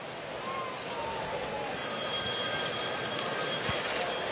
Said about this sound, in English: Is that the bullpen phone? No. I think it was Commissioner Gordon calling Batman.